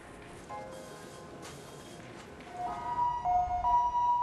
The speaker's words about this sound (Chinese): 这边还没来得及结束工作，救护车又将一名病患送到了慈济医院。